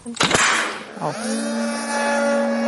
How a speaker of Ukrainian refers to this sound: Сейчас накачиваем катапульту до определенного момента. Будем выкидывать борт в повітря. Військові готують дрон до виліту. На все треба кілька хвилин.